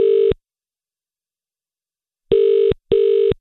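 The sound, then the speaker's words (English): Ringback tone of an outgoing phone call placed by a radio presenter to a listener, a steady electronic purr in short paired bursts with a long pause between pairs, clear with no talking. “So let's phone Suzanne.”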